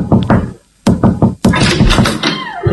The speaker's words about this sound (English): Do we knock on the door? I don't know. I think there's a doorbell. No, you know what? No. Let's knock. Let's just knock. Let's just knock.